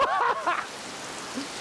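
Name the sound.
heavy tropical rain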